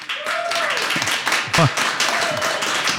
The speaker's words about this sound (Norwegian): så jeg synes at dere fortjener også en applaus.